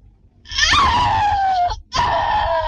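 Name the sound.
woman's scream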